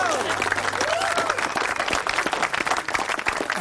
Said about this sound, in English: Hey, give yourselves a clap. Hey, how good was that?